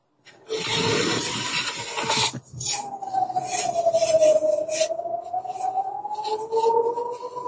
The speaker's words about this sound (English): Can you hear that? We can hear that. These are the sirens, basically warning the Israelis that there are some rockets coming in a couple of minutes.